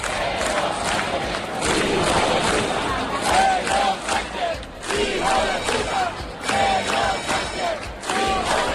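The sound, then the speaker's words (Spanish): A large crowd of about 10,000 protesters shouts and chants insults against the Spanish Prime Minister in a dense, continuous roar, with rhythmic chanted phrases rising above the din every second or two and scattered individual yells. “Pero los gritos y los insultos contra el presidente del Gobierno español acabaron tomando el protagonismo.”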